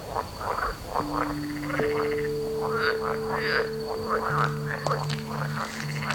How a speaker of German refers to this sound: Ich glaube, sie hören mich. Hören Frösche eigentlich?